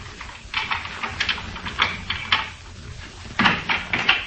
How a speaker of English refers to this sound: Thought I heard footsteps outside the house. Footsteps? Just listen.